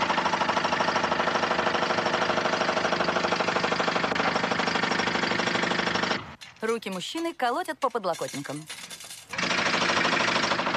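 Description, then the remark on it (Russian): A dental training drill whirs with a loud, steady, buzzing mechanical drone for several seconds, breaks off while a man speaks briefly, then starts whirring again at full strength, as a dentist leans over a man in the dental chair. “Шпак берет за бор учебный бор, склоняется над мужчиной в кресле.”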